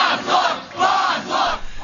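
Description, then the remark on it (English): A large, dense crowd of mostly twenty-somethings outside a courthouse chants the word "shame" in unison in response to a court decision, repeating it in loud, steady rhythmic bursts about once a second, the massed voices rising and falling with each shout. “They start chanting the word shame over and over in response to the court's decision.”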